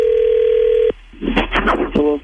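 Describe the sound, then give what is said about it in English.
A steady, mid-pitched telephone tone hums for about a second and cuts off as a call is placed to a woman's husband, followed by muffled voices and a brief buzzy tone near the end. “Let's call your husband”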